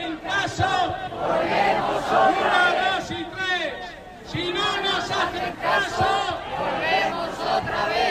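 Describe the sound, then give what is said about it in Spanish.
A large crowd of workers and users protesting at midday at the Puerta del Sol in Madrid over the dependency law chants and shouts together in loud, overlapping voices, rising and falling in repeated phrases with a brief lull midway before the chanting surges again. “Hay más motivos para la movilización social.”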